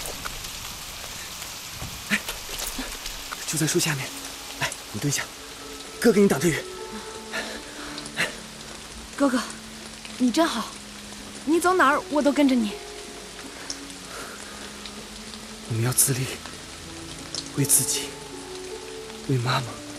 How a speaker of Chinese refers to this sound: 下雨了，怎么办呀？